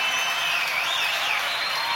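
Sustained audience applause for a murga band and the people who took part fills the whole stretch, a dense, steady wash of many hands clapping at an even, loud level, with a faint high whistle or cheer gliding above it.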